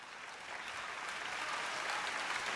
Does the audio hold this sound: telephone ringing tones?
no